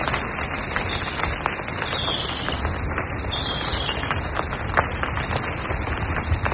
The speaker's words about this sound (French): Ah, oh, c'est beau. C'est reposant. Ah, j'adore, j'adore. Ah, ouais. Surtout les oiseaux derrière.